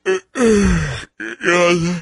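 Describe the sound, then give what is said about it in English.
A person yawns loudly, a drawn-out groaning breath that slides downward in pitch, followed by a second shorter stretched vocal exhale. “are you yawning?”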